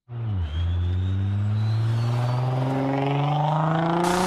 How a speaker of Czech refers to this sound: V Ružnově pod Radhoštěm řeší problémy s neukázněnými řidiči. Vysokou rychlostí projíždějí po hlavním tahu městem i zatáčkami v místní části Tylovice.